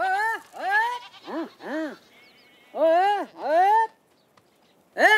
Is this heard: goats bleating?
yes